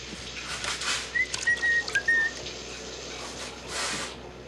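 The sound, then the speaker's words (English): Steady, hissing spray of a running shower, continuous and fairly loud, with a few brief high whistle-like tones briefly rising over it near the middle. No voices. “I can't hear you over the shower, honey.”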